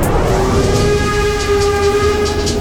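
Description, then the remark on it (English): A coal-powered steam train rumbles loudly while a steady, sustained whistle tone sounds over the churning noise of the engine and cars. No one speaks. “This is a steam train. It's powered by coal.”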